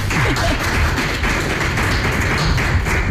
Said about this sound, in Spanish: Vamos a aplaudir al director del festival.